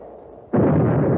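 After a low, quiet rumble, a single loud cannon shot fired ashore as a starting signal, when a flag is lowered to the bottom of a pole, bursts out suddenly, its heavy roar hanging on and filling the rest of the moment without fading.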